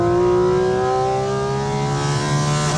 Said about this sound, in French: Oh le bruit. Même dans une voiture de course, t'as pas ce son-là? Ah, quasiment pas, franchement. Ça fait, je pense que ça fait plus de bruit à l'intérieur qu'à l'extérieur. C'est hallucinant le bruit.